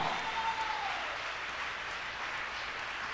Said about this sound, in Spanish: Vamos a aplaudirle a Dios por eso.